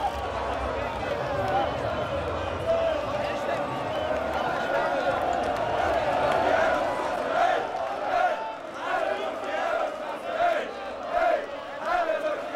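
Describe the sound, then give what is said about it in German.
A large crowd of celebrating people on the Reeperbahn in St. Pauli fills the street with continuous dense noise of shouting, chanting voices, steady and loud with rising bursts of cheering throughout, while police try to steer cars out of the crowd. “Die Bereitschaftspolizei versucht, die Autos rauszulotsen, die von den jubelnden Massen eingeholt worden sind.”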